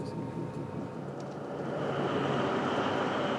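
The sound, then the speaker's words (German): A diesel locomotive, running without wagons on a non-electrified line to collect jet fuel at the tank farm near Wilhelmshaven, rumbles steadily, a dense low engine drone with faint higher whining tones, swelling slightly louder partway through. No voices are heard. “Hier ist die Strecke nicht elektrifiziert, deshalb ist Roland mit seiner Diesellok hier.”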